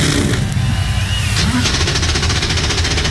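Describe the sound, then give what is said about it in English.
A loud wall of 36 NASCAR Cup Series stock car engines firing up together on the pit lane before the Hollywood Casino 400 in Kansas City, Kansas, their deep roar thickening into a rapid, rattling growl as the revs build. “36 NASCAR Cup Series machines come to life on the pit lane.”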